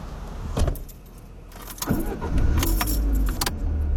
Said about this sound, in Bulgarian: След което тенечко се промотвам през задния вход към паркинга на църквата. Където се качвам в колата,